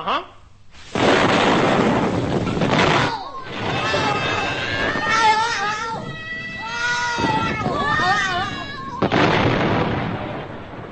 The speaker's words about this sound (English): The John capsule was today exploded and went bang.